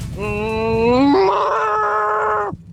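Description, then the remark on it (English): A person on Radio 1 imitates a cow with one long, sustained moo lasting over two seconds. It starts low and steady, then jumps slightly higher and gets louder before it stops abruptly. “A few messages came in being like, I can't believe you can't do a cow.”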